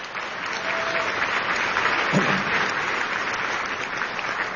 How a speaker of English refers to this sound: And I give them a great round of applause for the work they did on that.